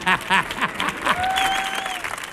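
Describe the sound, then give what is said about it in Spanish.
A crowd applauds a speaker being introduced, with dense, steady clapping, mixed with shouted cheers at the start and a long, thin whistle cutting through midway. “Fuerte el aplauso”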